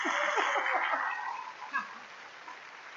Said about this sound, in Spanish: ¿Cuántos chilangos hay aquí? A ver, denles un aplauso a esa chilanguiza.